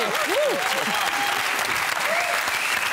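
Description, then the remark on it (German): Steady, dense audience applause fills the whole stretch, many hands clapping at an even loudness, with a few faint whoops or voices rising briefly over the clapping, as a German-speaking audience claps again to welcome a guest. “Sollen wir nochmal klatschen?”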